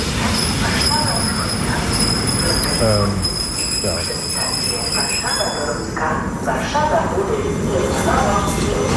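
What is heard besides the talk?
regional commuter train running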